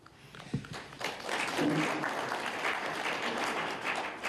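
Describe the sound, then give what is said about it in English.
An audience breaks into sustained applause for farmers doing irrigated crop production in Omaheke, Namibia, a dense crackle of many hands clapping that swells after the first second and holds steady at a fairly loud level, with a faint voice underneath. “And we must applaud these farmers.”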